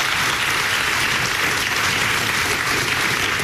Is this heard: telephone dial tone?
no